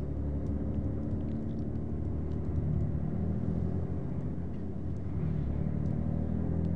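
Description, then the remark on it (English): A heavy truck engine rumbles steadily, its deep idle swelling slightly as if revving, with no voices, just continuous low mechanical drone throughout. “Nothing happens without trucks.”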